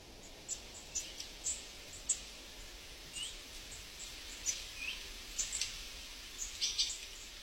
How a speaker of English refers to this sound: There's so many birds. It's very birdy, as the bird people would say. It's very birdy here. So many different varieties. When I go out in the morning, I hear like an orchestra of bird songs.